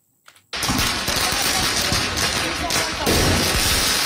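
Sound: firecrackers exploding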